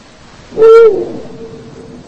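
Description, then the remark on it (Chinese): A single deep, resonant hoot from a Eurasian eagle-owl, one of a pair living on a high cliff near Seoul, South Korea, rings out loudly for under half a second, followed by a faint lingering tone over quiet background hiss. “作为猛禽，雕鸮是一种非常长情的生物。”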